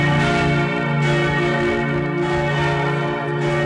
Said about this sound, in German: Das sind die Glocken vom Würzburger Dom in ihrer vollen Schönheit. Das ist schon gewaltig, oder? Das ist, da läuft zu einem kalten Rücken runter. Ja. Wenn du davor stehst und die Glocken läuten.